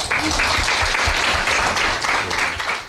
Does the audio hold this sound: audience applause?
yes